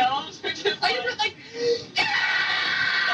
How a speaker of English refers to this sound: That's me screaming.